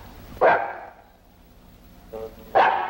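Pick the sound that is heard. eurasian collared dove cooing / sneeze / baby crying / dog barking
dog barking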